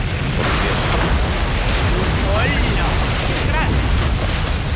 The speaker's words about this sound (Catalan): De cop, es produeix una gran explosió.